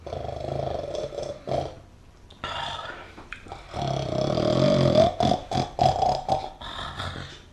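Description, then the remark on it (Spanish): Loud, rough snoring: a few raspy, guttural breaths, then a long rumbling snore that breaks into choppy, gurgling bursts toward the end. No one speaks. “si ya está roncando.”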